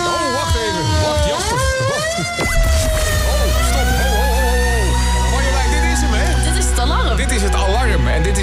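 A loud alarm siren wails, its pitch sweeping up and down in long rising and falling arcs, with a heavy steady hum joining underneath partway through.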